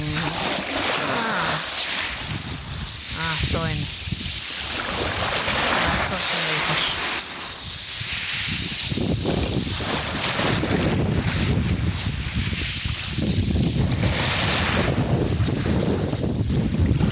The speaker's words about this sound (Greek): Όπα, μισό λεπτό, έχω ήχο θάλασσας. Τι δεν θέλετε να ακούσετε ήχο θάλασσας, είναι δυνατόν, μα είναι δυνατόν. Ήχος, παιδί μου, από τη θάλασσα, αυτό είναι, αυτό είναι. Α, το όχι το αεράκι του σήμερα στη Σαντορίνη.